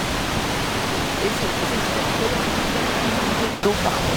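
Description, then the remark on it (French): A small waterfall pours in a steady, dense rush of cascading water, loud, with a brief dip near the end before the constant roar resumes. “Alors si on va un peu plus loin, il y a un saut, une cascade, enfin une sorte de...”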